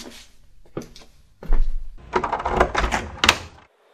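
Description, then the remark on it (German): A door is opened: a few sharp clicks and knocks, then a heavy low thud followed by a rattling, scraping stretch that ends in a final clunk. No one speaks. “Die Orks haben diese Tür hier bewacht.”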